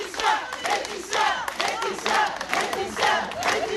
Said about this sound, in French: Et comme chaque jour à la sortie du tribunal de Digne-les-Bains, une vingtaine de membres du collectif 8 mars toute l'année l'ont applaudi, cette fois plus longuement peut-être.